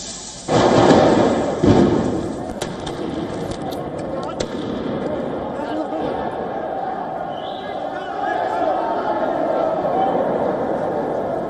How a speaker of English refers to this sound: Angry demonstrators threw firecrackers at police while authorities tried to tame the protesters by firing several canisters of tear gas.